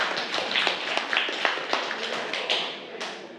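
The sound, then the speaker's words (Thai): A group of children in a class clap for a classmate who answered well, a loose, uneven patter of many overlapping claps, steady for a few seconds, with no talking. “เก่งมากค่ะปรบมือให้เพื่อนค่ะ”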